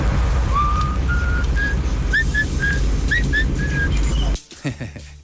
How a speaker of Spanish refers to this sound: Aunque es un poco más débil este chiflido, el mío es más de barrio, es más potente.